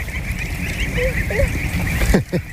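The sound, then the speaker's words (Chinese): Geese of a grey-feathered breed with bright yellow heads, raised for foie gras and descended from the greylag goose, give a few short, nasal honks, followed by a couple of sharper calls, over a steady background hum with no talking. “你看这个鹅，它跟我以前见过的都不太一样，头上是亮黄色的，然后就特别漂亮，我可以摸一摸吗？”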